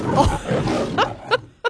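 A lion roars in a film studio logo, the Paramount one, a rough rumbling growl that breaks into three short, sharp roaring bursts, loud and on its own with no talking.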